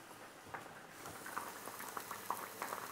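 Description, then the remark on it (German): A pan of food sizzles and bubbles steadily, with a constant hiss broken by irregular little pops and crackles throughout. Nobody speaks. “So, das gart jetzt hier so vor sich hin, die röste ich hier, ich drehe den nochmal um.”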